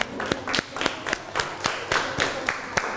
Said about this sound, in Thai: ขอเสียงปรบมือให้เพื่อนหน่อยครับ